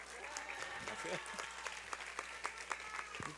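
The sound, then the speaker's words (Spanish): An audience breaks into steady applause for the town of Actopan, Veracruz, a dense crackle of many hands clapping at moderate volume with a few sharper claps standing out, while a voice murmurs faintly underneath. “Un aplauso para Actopan.”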